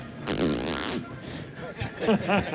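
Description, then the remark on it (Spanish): A raspy zipper-like burst, presented as the song of a pet bird named Pavarotti, lasts under a second, then after a short pause a few quick, warbling chirps follow, fairly loud and with no talking. “Pero ahora parece una cremallera.”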